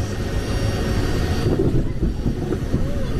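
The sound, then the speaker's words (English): A steady, loud low-frequency engine drone fills an airplane cabin during a flight into the outer section of a storm, with a faint high whine above it and no voices. “We felt the plane tipping side to side as we turned as well, making us a little dizzy.”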